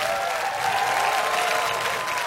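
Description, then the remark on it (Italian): Sustained applause from a large concert audience at the Arena Santa Giuliana in Perugia during Umbria Jazz, a dense, even wash of clapping that stays loud and steady throughout, with a faint tonal hum underneath and no one speaking. “E sull'applauso del pubblico lasciamo il palco dell'Arena Santa Giuliana.”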